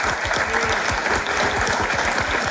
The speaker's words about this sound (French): Et tout ça s'applaudit évidemment puisque nous sommes en public ici au château de Lavoury d'Antine.